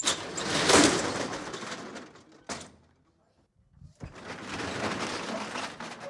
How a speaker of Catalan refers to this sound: Acabau d'escoltar com s'aixecava la barrera de veres